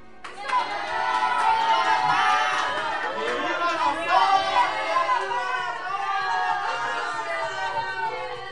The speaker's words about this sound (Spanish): La familia entera y los habitantes del pueblo lanzan gritos de alegría sin saber la noticia que les espera muy pronto a consecuencia de la maldita guerra.